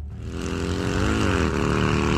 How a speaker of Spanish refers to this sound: Bueno, llega la moto. Llega la moto.